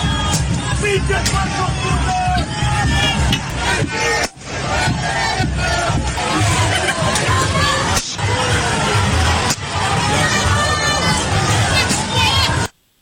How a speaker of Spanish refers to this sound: Escuchábamos algunos martillazos.